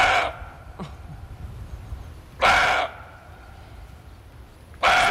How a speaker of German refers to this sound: Der Rehbock, der gauzt wie ein Hund, so ähnlich.